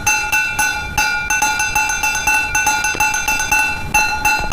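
A broken bowl is struck by hand over and over in a quick, steady rhythm, each knock a bright, clear ringing tone that hangs briefly before the next hit. No voices are heard.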